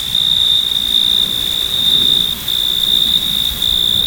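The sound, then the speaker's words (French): Male crickets chirp by rubbing their wings together, in a continuous, high-pitched trill that holds steady throughout, loud, over a soft rustling background with no voices, in the evening air. “Les grillons mâles frottaient l'une contre l'autre leurs ailes, et de la terre montaient les plus enivrantes mélodies.”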